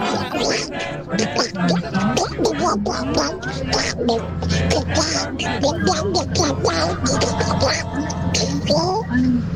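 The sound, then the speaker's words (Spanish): A voice does a garbled, nasal Donald Duck impression, rapid quacky babbling that runs continuously and loud, with a low hum underneath. “Y aquí les presento a mi amigo Pato Donald.”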